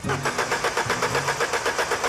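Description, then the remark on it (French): A 2-litre, 16-valve Cosworth Twin Cam car engine runs at full revs, rough and loud, its rapid rhythmic pulsing chugging steadily like a motor straining to turn over, with no voices. “C'est vrai que le seul son qui les intéresse pour le moment, c'est le doux bruit d'un moteur Cosworth Twin Cam, 2 litres à 16 soupapes, à plein régime.”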